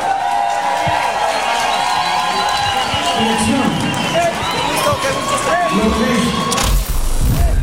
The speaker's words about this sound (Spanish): ¡Aplausos para Vacilos!